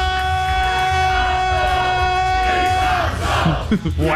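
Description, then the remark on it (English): A loud crowd in Newcastle at a Triple M Rush Hour grand final special roars and yells continuously, with a long sustained shout from a fan who grabbed the mic carrying over the din before it breaks into scattered whoops and cheers. “He's grabbed the mic and revved everyone up.”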